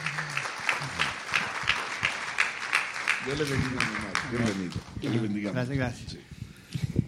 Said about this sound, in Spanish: Pase, por favor, mi amado, pase. Dele un aplauso, por favor